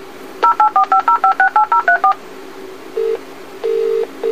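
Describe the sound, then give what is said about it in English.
An alarm telephone dials out for assistance to Worcestershire Telecare with a quick, evenly paced run of about a dozen bright touch-tone beeps, followed by a short low tone and then a longer, steady low tone. No one speaks. “Your alarm telephone is dialing for assistance.”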